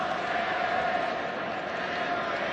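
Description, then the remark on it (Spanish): A large stadium crowd at a football (soccer) match chants a song in unison, a loud, steady roar of voices with a sustained sung pitch running through it for the whole stretch. “¿Por qué están gritando esa canción?”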